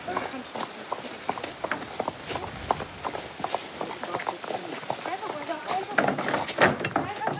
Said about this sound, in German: Das Pferd fängt jetzt gleich an, so ein bisschen zu trappeln und zu laufen.